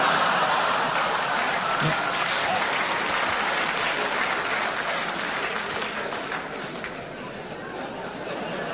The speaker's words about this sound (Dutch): U klapt er zelfs voor, weet u dat?